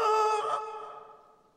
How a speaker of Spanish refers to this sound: Otro pato cantando aquí. Y no lo hace muy bien.